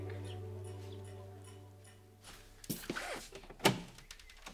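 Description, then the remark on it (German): A front door opens: a low steady hum fades, then comes a rattling latch click and a sharp knock-like thunk a moment later. No one speaks. “Entschuldige, dass ich einfach so vor der Tür stehe.”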